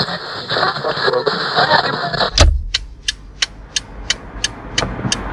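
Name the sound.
car driving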